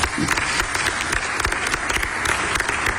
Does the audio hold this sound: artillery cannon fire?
no